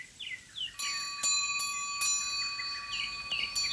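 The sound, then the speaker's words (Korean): A metal wind chime hanging at the tile roof eaves of an old house over 500 years old rings out in the wind with several light strikes, its clear tones lingering and overlapping, while faint birds chirp in an otherwise quiet outdoor setting. “기와 처마 끝에서 바람을 따라 울리는 풍경 소리인데요.”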